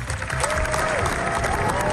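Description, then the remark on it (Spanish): Dense, sustained standing ovation from a large crowd at the Cannes film festival, 20 minutes of applause for Spanish directors Los Javis' film about Federico García Lorca; a steady wash of clapping with no pauses, with a faint murmur of voices mixed in and a thin high whistle-like tone weaving through. “Es la ovación más larga de lo que llevamos del certamen, y los directores españoles lo han logrado con una película que es una carta de amor a Federico García Lorca”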